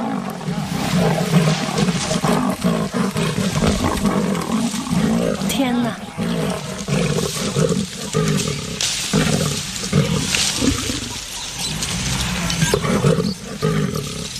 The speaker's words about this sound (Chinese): 我的天哪，太不可思议了， 狮子和花豹竟然在树上打起来，这场景更是难得一见。